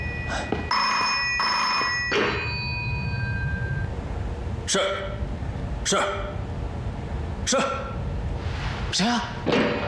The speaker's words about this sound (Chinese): 接电话去。